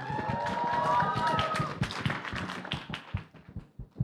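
A crowd applauds loudly with dense clapping and some cheering voices, then the applause thins into scattered individual claps before fading out.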